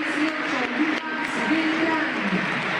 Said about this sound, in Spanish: Después de los suplentes, silbidos solamente para Martínez Cuarta, divididos. Silbidos y aplausos, los hinchas.